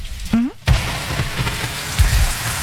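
Steady rain hisses and patters throughout, with a few low thumps and a brief voiced sound near the start.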